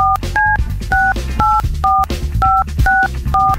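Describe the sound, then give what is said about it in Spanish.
A rapid series of telephone keypad dialing tones, about nine short two-pitched beeps in a quick, slightly uneven rhythm, sounding over a steady low background of music or hum. “Entonces ahorita, márcale, por favor.”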